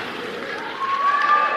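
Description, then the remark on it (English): An audience claps in a dense, continuous wash of applause that grows a little louder partway through, with a thin sustained tone rising above it near the end. “Let's clap for that.”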